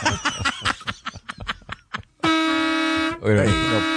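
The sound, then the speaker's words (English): After a couple of seconds of choppy voices and laughter, a loud, sustained horn blares, steady and buzzy, briefly broken by a voice before continuing to the end. “Christy, it was loud, but I would rather hear that horn again than”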